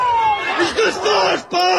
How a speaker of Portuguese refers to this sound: Sobre este caso em Ponte de Sor. Ouvem-se disparos, pessoas a gritar.